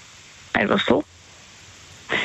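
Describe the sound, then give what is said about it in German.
Heavy, pouring rain falls outdoors in the dark beside a small campfire as a steady, even hiss that fills the whole recording, with a person speaking briefly in short bursts over it. “Weil jetzt regnet es gerade und es regnet so brutal.”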